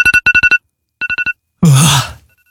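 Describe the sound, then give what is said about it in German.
A phone alarm beeps loudly in quick bursts of four electronic tones, stops, then a person lets out a long, breathy groaning sigh. “Der Handywecker, sagt mal, wie ist das bei euch am Wochenende, unter der Woche, wenn ihr definitiv aufstehen müsst, seid mal ganz ehrlich, haut ihr da auch mal öfter auf die Snooze-Taste”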